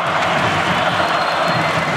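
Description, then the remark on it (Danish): A huge arena crowd of about 20,000 spectators at a handball match, most supporting the Danish champions against Barcelona, roars and cheers in a dense, steady wall of sound, with no break or individual voice standing out, loud and continuous throughout. “Det er hovedparten af 20.000 tilskuere, der holder med de danske mestre, de danske double-winnere, som prøver at vinde det triple.”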